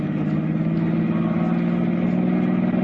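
A car engine roars steadily and loudly, a continuous drone with a low humming pitch that holds fairly even for a few seconds with no voices, as the car speeds up to get away from a pursuing police car.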